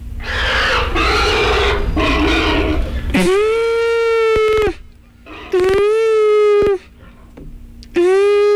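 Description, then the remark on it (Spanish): A swineherd's horn sounds three steady, brassy blasts, each a second or more long, to gather the pigs, after a few seconds of rough, noisy grunting like pigs milling about. “En eso, tocó su cuerno un porquero para juntar a los cerdos.”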